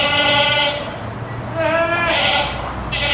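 Goats bleat loudly, three wavering cries in quick succession, each a strained, nasal call, with a steady background hum and no talking, as a farmer's 21 goats are moved to safer ground during the Canyon fire evacuation in Morgan County.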